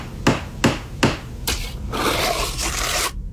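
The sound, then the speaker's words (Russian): Three sharp, evenly spaced hammer blows ring out during home renovation work, followed by another strike and a couple of seconds of harsh, continuous scraping or grinding noise before it cuts off. “Отделайтесь от бесконечного ремонта.”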